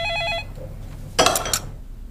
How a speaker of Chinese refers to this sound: 来电话的肯定就是个劝，你接他干什么呀？ 这也是，这电话接了也闹心。 哎，不接就把电话线拔了呗，没完没了的响，闹不闹心？